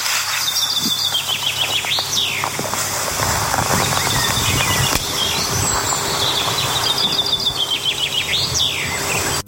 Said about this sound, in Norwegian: Ja, spørsmålet var, hvilken fugl var dette? Og det var nok svært mange som visste. Dette var bokfink, uten tvil. Bokfink.